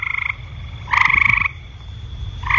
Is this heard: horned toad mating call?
yes